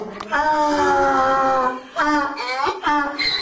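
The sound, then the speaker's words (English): A donkey in Luxor, Upper Egypt, brays loudly: a long, strained, harmonic honk, then two shorter rasping hee-haw bursts with no talking. “The Egyptian revolution started on the 25th of January, but in Luxor, every day sounds like an attempted donkey revolution.”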